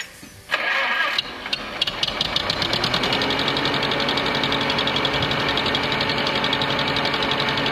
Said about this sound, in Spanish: arrancamos el tractor.